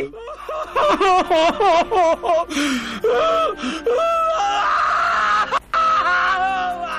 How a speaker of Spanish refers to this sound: ¡Ay, compa! ¿Por qué tanto llanto, tanto escándalo?